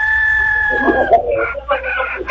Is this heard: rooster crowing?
yes